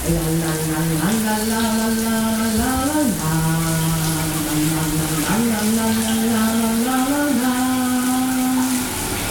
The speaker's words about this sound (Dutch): Ja, tijd om het douchegordijn te gaan sluiten, want we willen het niet zien natuurlijk. Hè. Dan gaan we. De kraan die gaat aan